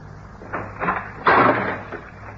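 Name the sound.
door being opened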